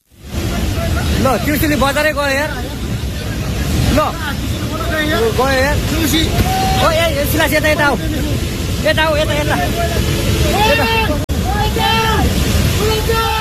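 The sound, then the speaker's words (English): Flash floodwater surges through a town in Nepal, sweeping away a bridge, in a loud, continuous roar that fills the whole scene, while several people's voices call out and talk over the rushing torrent; recorded on a smartphone. “Well, that video recorded on a smartphone, you can see water surging through a town, sweeping away a bridge.”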